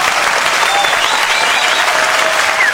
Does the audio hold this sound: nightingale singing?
no